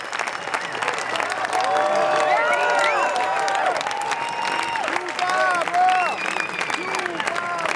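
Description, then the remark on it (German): Sustained, dense applause at the end of a concert fills the whole stretch, steady and loud, lasting minutes, with whoops and cheering voices rising above the clapping from a large crowd. “Der Applaus am Ende dauert minutenlang an.”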